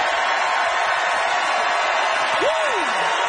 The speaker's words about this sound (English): All right, audience, it is up to you to decide by applause how many of you agreed with